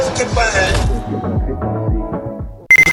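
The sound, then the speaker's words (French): A short burst of a loud, rapid alarm clock ring cuts in at the very end, a few sharp metallic pulses following a stretch of music and low voices. “Ton réveil mérite mieux qu'une sonnerie.”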